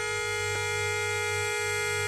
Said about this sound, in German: drückte auf die Hupe